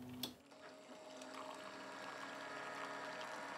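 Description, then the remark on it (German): A brief click starts a steady mechanical hum with a soft trickling, splashing water sound as a motorized automatic pour-over coffee machine brews, pouring hot water over medium-ground coffee, continuous throughout. “Gebrüht wird, wie soll es auch anders sein, motorisiert.”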